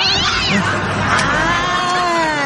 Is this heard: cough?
no